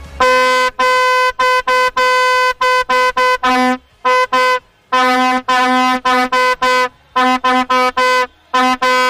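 A vuvuzela blares loudly and close in a long run of brassy, buzzing blasts, some sustained and others short, separated by brief breaths, with no talking.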